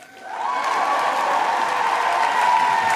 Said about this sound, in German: Alle setzen ja gerade auf die KI, die künstliche Intelligenz, Englisch AI, Artificial Intelligence. Ich aber habe eine AA, eine Artificial Audience. Jubel!